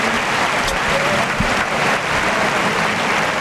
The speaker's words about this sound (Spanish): Gran ovación para Borja Jiménez, que va vestido de rosa y oro y se va hacia los medios.